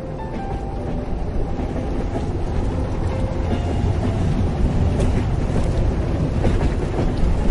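A train rolls along steadily into a long tunnel with a dense, continuous low rumble and faint rhythmic clattering of wheels on rails, with no voices.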